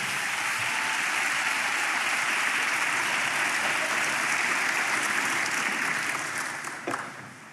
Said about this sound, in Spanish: Vamos, dele palmas al Señor por eso.